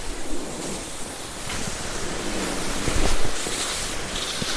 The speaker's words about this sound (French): Le vent. La neige. L'immensité. Ma petitesse.